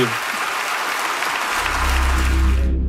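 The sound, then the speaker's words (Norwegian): A large crowd at the Venice Film Festival gives a standing ovation, lasting 25 minutes, to the film by Israeli filmmakers Yuval Abraham and Rachel Szor. Dense clapping pours out steadily and loudly. A low rumble creeps in underneath halfway through before the applause cuts off abruptly. “De ble kjent over hele verden da filmen deres fikk en 25 minutter lang stående applaus under filmfestivalen i Venezia.”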